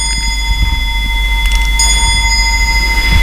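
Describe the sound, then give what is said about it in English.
A clock about 200 years old at the Woods Hole Public Library chimes at 4:57, set a few minutes early to signal closing time. Its clear, ringing bell tones hang in the air, with fresh strikes around halfway through, over a low, steady rumble and no talking. “Yes, the clock is about 200 years old.”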